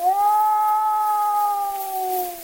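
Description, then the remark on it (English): A single long wolf hunting howl, the call that assembles the pack to go hunting, holds one steady pitch and sags slightly at the end, fairly loud over the faint hiss and crackle of an old Edison cylinder recording made in 1920. “You're listening to The Hunting Wolves, an Edison Cylinder recording made by Ernest Thompson Seton in 1920.”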